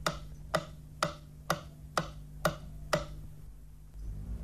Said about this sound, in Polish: Dla sprawdzenia zgodności kierunków podane zostaną sygnały testowe kolejno na lewy i prawy kanał. Kanał lewy. Kanał prawy.